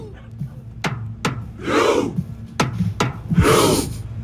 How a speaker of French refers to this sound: Et oui, le Viking Row, c'est une célébration qui consiste à imiter les rameurs des drakkars de Viking, vous savez, les bateaux. Ils sont tous assis et ils rament de manière synchronisée. C'est aussi impressionnant à voir qu'à écouter.